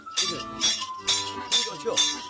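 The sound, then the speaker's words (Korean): A taffy seller's big metal scissors, newly made at a village blacksmith's forge, clack in a steady rhythm, five bright, ringing metallic snaps spaced about half a second apart, with a faint voice murmuring underneath. “오늘은요, 엿장수 가위 만들었어요, 이제.”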